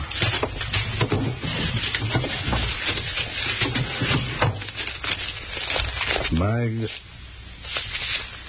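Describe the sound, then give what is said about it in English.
Papers on a prisoner, taken from the top drawer of a desk, rustle and crinkle steadily as they are handled, shuffled and looked over, a busy dry crackling that runs throughout, broken by a short rising squeak near the end. “You'll find the papers on the prisoner. Look them over if you want to.”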